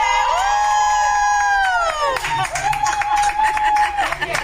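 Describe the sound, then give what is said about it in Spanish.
A large crowd in a stadium roars and cheers, recorded on video from a box the day before, with shrill harmonic screams and whoops rising and falling over a dense wash of voices, loud and continuous throughout. “ya nos compartió un video que grabó, pero ahora sí con audio.”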